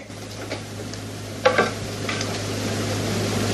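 A steady crackling hiss of a hot pan sizzling in a kitchen as a man burns himself on it, with a brief sharp clatter about halfway through and a low hum underneath. No one speaks.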